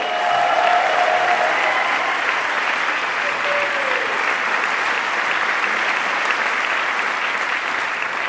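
Steady, dense audience applause fills the whole stretch at an even loudness, a broad hiss of many clapping hands with no voices standing out, plus a faint brief tonal whistle near the start.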